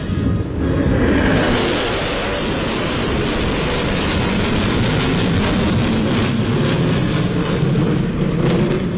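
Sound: military jet aircraft flyover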